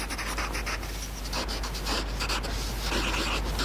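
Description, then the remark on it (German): Pencil writing on paper: a continuous run of soft, dry, papery scratching strokes with short bursts of scribbling, steady and fairly quiet with no voices. “Ich mag auch das Geräusch, wenn man mit Bleistift so auf Papier schreibt.”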